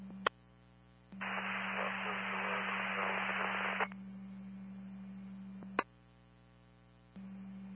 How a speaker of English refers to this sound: K91 Calaveras, still copying heavy static, unable to copy your transmission.